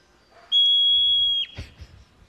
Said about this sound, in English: Okay, so to get us in the mood for the next discussion, we're going to play a little sound from a hoary marmot in the wild. I love marmots. Here it is.